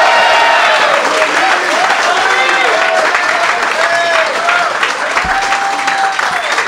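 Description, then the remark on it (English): Loud, sustained applause from a large audience for Joey Diaz fills the whole stretch, a dense steady wash of clapping mixed with cheers and whoops from the crowd. “Big applause for Joey Diaz!”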